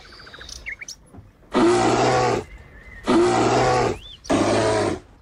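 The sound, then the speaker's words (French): A bear growls three times in loud, deep, rasping bursts, each under a second long with short pauses between, after faint bird chirps at the start. “J'ai dit un ours.”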